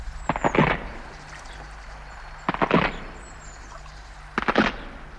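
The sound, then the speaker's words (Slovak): A wooden footbridge breaks under a person, its planks cracking and splintering in three sharp, crackling bursts spread over a few seconds, each a quick cluster of snaps with quiet pauses between, no voices. “Aj to praskanie lávky, čo sa po tebou zlomila, sa nám zdá zíde.”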